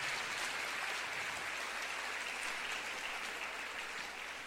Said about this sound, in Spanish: Palabra del Señor. Denle un aplauso a la palabra del Señor, nuestro Dios.